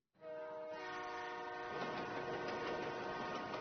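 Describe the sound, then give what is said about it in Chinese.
A high-speed train on the Beijing–Guangzhou high-speed railway speeds by, opening with a loud, steady horn blast that gives way to a dense, roaring rush of wind and rails. No voices. “京广高铁正在飞驰着”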